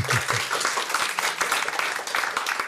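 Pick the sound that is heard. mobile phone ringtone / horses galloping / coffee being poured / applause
applause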